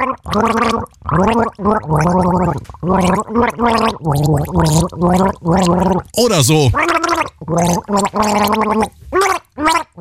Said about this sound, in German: Das Ziel, mit einem Schluck Wasser im Mund ein Lied gurgeln, das das restliche Team dann errät. Das kann dann etwa so klingen.